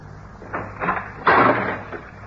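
A few rattling clicks of a lock being worked on a locked door, followed by a louder scraping thunk as the door is pushed open, all within a couple of seconds with no one speaking.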